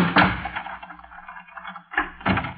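A door being locked with a key: a sharp clunk, a quiet pause with a low steady hum beneath, then two more quick clicks of the lock close together. No one speaks.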